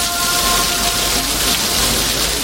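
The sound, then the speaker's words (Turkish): Heavy rain pours down steadily in Bingöl, a dense, continuous hiss of drops drumming on surfaces, with no voices and no pauses for the whole stretch. “Bingöl'de de yağmur bardaktan boşanırcasına yağdı.”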